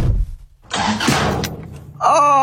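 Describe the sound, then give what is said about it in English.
A car engine cranks with a rough, grinding churn for over a second, sputtering as it struggles to turn over, then ends in a loud, strained whining roar. “Oh, my car.”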